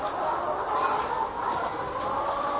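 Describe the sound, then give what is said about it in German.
Chickens cluck and coo softly in a steady, continuous murmur in a barn as someone walks calmly through it, several hens with a faint indoor barn ambience and no voices. “Aber wenn ich so wenn ich so durch den Stall gehe, dann lieben mich die Hühner.”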